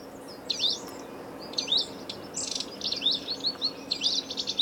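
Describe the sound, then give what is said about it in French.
A wallcreeper sings a series of short, high, twittering phrases, repeated every half second or so at moderate volume over a steady low background hiss, with no voices present. “Mon oiseau préféré c'est le tico de Romeschlette. C'est un oiseau qu'on peut voir en France, pas que en France, mais en France, qui vit dans les montagnes, qui vit sur les falaises.”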